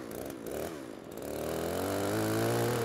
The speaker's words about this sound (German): Er hat eine laufende Kettensäge in der Hand und ich bediene den Trecker und muss sehen, dass ich ihn da vorsichtig rein manövriere.